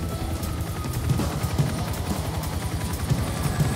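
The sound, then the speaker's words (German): A helicopter's rotor chops steadily and loud, with a dense mechanical roar and a continuous whine layered over the rapid beating blades, with no talking; the helicopter is in flight carrying a patient. “Ja, er kommt jetzt zu Ihnen in der Luft. Wir haben ihn jetzt in unserem Helikopter.”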